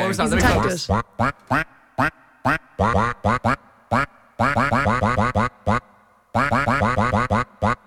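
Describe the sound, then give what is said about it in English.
Loud duck quacks pitched into a melody from an animated film, a quick burst followed by a rhythmic run of short notes with brief pauses between phrases, like a tune played on quacks. “I will say, Matt, the duck did struggle a bit with this one, but...”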